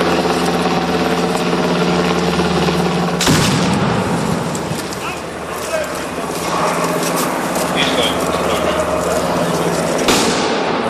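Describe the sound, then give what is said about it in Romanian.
Two sharp gunshot cracks ring out several seconds apart over a loud, dense rumble of engine noise and commotion, with indistinct voices mixed in, as special forces gendarmes train, simulating the rescue of a person from a building under gunfire. “Trupele speciale au simulat inclusiv salvarea unei persoane dintr-o clădire în timp ce se trăgea cu focuri de armă asupra lor.”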